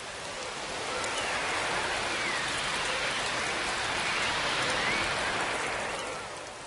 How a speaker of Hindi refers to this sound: आंधी चलने लगी।